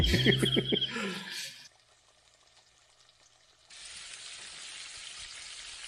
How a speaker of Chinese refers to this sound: 它这个虾炸的时候要把它这个皮儿炸成白的，一会儿吃的时候它才会脆。